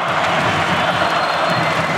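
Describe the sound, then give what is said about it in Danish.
A huge arena crowd of about 20,000 spectators at a handball match roars continuously, a dense wall of cheering and shouting that fills the space without pause, loud and steady throughout; most are supporting the Danish champions against Barcelona. “Det er hovedparten af 20.000 tilskuere, der holder med de danske mestre, de danske double-winnere, som prøver at vinde det triple.”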